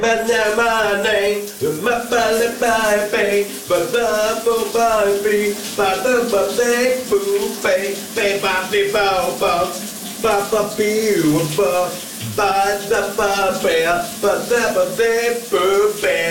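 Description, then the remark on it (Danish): A steady hiss of running shower water fills the background while a man sings loudly over it, the spray continuing without pause throughout. “Vi skal genlytte med morgens brusebadshit.”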